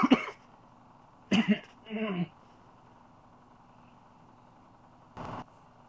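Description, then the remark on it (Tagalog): A person coughs several times in short, harsh bursts: one, then a quick pair a second later, then a last cough after a pause, over a low steady background hum. “Mupalit ag tambal ha. Kay nagsigi kag ubo-ubo.”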